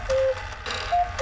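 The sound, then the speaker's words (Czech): A cuckoo clock sounds three times: a longer mid-pitched hoot, a pause, then two shorter calls, the last cut off at the end. No voices, just a soft steady hum underneath. “Slyšíš? Kukačka třikrát zakukala.”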